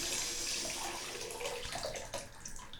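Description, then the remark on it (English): Steady rush of running tap water pouring, a continuous hissing splash that keeps going at roughly the same loudness with no voices, as the water is about to be turned off. “Let me turn off the water here.”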